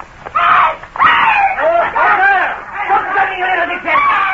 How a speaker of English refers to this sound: Tony Dewhurst, Andrew Foulkes and I, disguised as citizens of the Republic, were strolling along the Rue Saint-Honoré when suddenly ahead of us we heard a feminine scream. A moment later a girl came running towards us, closely pursued by four men.